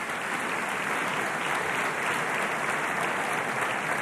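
Steady, dense applause from a crowd at an awards gala, many hands clapping at once in a continuous bright wash that holds an even level for the full four seconds without a break, given for someone who won a Festival award this year.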